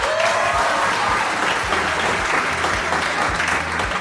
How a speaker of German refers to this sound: Also an dieser Stelle ruhig mal ein Dankeschön an alle, die sich morgens freiwillig irgendwo mit Warnweste hinstellen, während der Rest von uns noch versucht rauszufinden, welcher Wochentag eigentlich ist. Applaus für euch!